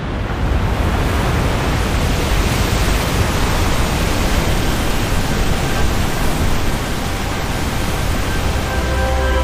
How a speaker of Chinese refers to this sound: 在湿季的汛期，每秒约有5000吨的河水从维多利亚瀑布倾泻而下。